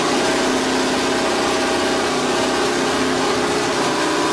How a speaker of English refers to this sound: it even sounds amazing just idling away, doesn't it? That is a recording of Bruce McLaren's Can-Am